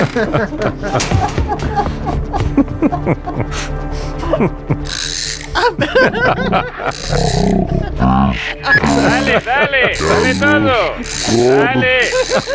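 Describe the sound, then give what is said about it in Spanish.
A jammed cinema projector being wound up on an Onda Cero radio show, with a rapid mechanical rattling and ratcheting that runs under people talking and exclaiming throughout. “Ya se ha quedado pillado al cine otra vez.”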